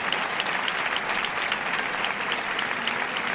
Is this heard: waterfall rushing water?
no